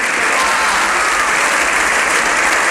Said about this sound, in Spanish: Todavía estamos escuchando ese aplauso de senadores y diputados en el Congreso.